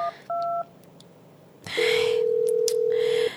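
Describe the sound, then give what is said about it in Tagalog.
A phone call goes unanswered: a couple of short keypad beeps, then a single long, steady ringing tone that sounds loud, with no voices. “Wala, ginisaba ni Jenrix ang phone niya, oh? Siguro bisigin siya katama.”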